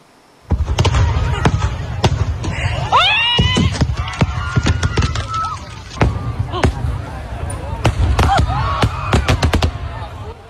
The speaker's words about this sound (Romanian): Clipă de coșmar pentru zeci de mii de oameni adunați să asiste la un festival de efecte pirotehnice în Spania. O defecțiune a trimis artificii în zona unde se afla publicul.